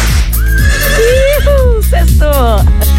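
A toy whip with a horse plays a loud horse whinny sound effect, a wavering, falling neigh that fills about three seconds, slightly tinny, with no talking over it.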